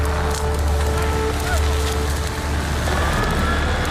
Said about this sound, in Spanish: Hablando de emergencias, este sonido, ¿qué puede ser? Pues bueno, nos puede llevar a una chimenea, ¿no? A una hoguera, el fuego que está ahí. Pero cuando sumamos más sonidos, pues es manguera.